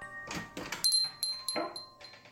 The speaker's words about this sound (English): It was then that the door to the station opened, and Captain Cal, the programmer who played the audio the night before, re-entered the station.